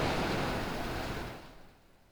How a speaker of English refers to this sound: I know you can hear the rain. I know you can hear the rain. The roof, apparently. The roof is not soundproof.